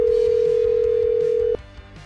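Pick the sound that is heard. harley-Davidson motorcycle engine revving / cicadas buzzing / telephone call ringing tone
telephone call ringing tone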